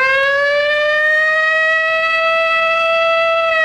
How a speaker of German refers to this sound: Auf einmal ging hier dieser Feueralarm los, diese Sirene, die wir alle vom bundesweiten Warntest kennen.